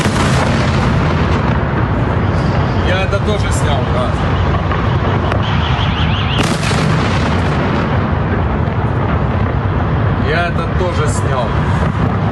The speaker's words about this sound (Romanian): Între timp, explozii puternice au zguduit capitala Kiev. Rușii au folosit mai multe tipuri de rachete și drone Shahed.